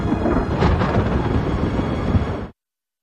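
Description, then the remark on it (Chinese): A heavy, continuous roll of thunder rumbles loudly for a couple of seconds, deep and dense throughout, then cuts off abruptly into silence. “打雷啊。”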